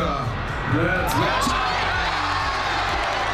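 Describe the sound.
A dense crowd of football fans shouts and cheers loudly and continuously, showing how loud they will shout when a goal is scored, a roaring wall of voices with scattered whoops rising above the din.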